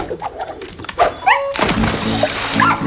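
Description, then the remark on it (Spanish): A dog barks a few quick, yappy times, followed by a rush of loud, noisy commotion that fills the rest of the moment. “¡Perro! ¿Qué hace? No ver perro.”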